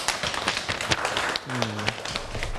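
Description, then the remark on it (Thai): A room full of students clapping for themselves after finishing a class activity, dense overlapping applause that carries on steadily throughout, with a brief low tone partway through. “ขอบคุณนักเรียนมากครับที่ได้ทำกิจกรรมอย่างสนุกสนานแล้วก็สำเร็จไปได้ด้วยดีนะครับนักเรียนทุกคนปรบมือให้ตัวเองหน่อยครับ”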